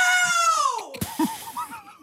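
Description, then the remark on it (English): A man lets out one loud, sustained yell of the word "now" in an attempt at a 122.4-decibel loudest-yell record; its pitch slides steadily downward and cuts off after about a second, followed by quieter murmuring voices in the background. “He yelled the word now at 122.4 decibels. So we had a crack.”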